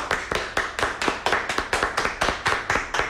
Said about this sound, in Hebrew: איפה מחיאות הכפיים שלכם?